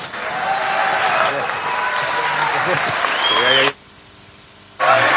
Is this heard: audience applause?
yes